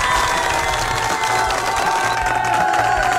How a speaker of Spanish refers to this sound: Damas y caballeros, ya tenemos ganador del Mundial. ¡Fuerte el aplauso para la selección de España!